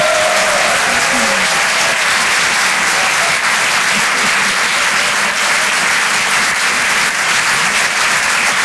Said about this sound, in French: Merci d'applaudir très fort pour sa première ce soir sur Rire et Chanson Comedy Club